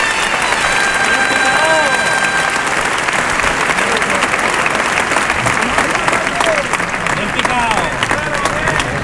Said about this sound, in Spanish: Bueno, la ovación que se está llevando Espartaco, claro, Picador.